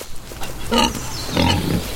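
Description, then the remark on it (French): Wild boar grunts twice, a short harsh call followed by a longer, rougher one, fairly loud over faint background noise, with no talking. “Je ne sais pas si les sangliers en mangent, mais s'ils nous attaquent, jetez leur des cupules.”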